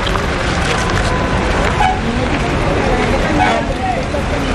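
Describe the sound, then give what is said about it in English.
A bus carrying Hajj pilgrims drives to the Valley of Mina after picking up stones, moving through busy traffic with a dense, steady engine and road rumble, occasional horn toots faintly mixed into the din, and indistinct voices murmuring in the background. “After picking up the stones, we got back on the bus and drove to Mina.”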